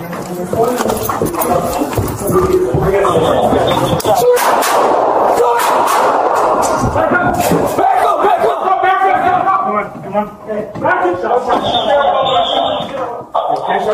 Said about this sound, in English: Hurry up now, because there's more gunshots going on.